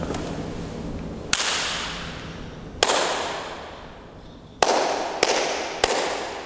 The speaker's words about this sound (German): Es gibt eine Art Resonanz. Das heißt, es klingt ganz anders, wenn wir draußen klatschen oder wenn wir in diesem schönen Raum klatschen.